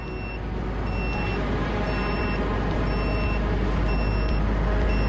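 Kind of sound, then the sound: signal or alarm, drone detector beeping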